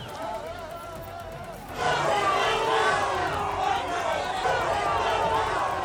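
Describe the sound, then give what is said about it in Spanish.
Citizens of Ceuta shout and hurl insults over a steady murmur, surging abruptly louder about two seconds in and staying loud and dense, many overlapping yells with no single voice standing out. “Con gritos e insultos han recibido algunos ciudadanos de Ceuta.”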